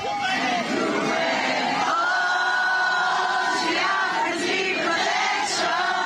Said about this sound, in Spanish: Antes de despedirse, abrió su casaca y mostró una camiseta de la selección peruana, provocando otra ovación entre los seguidores.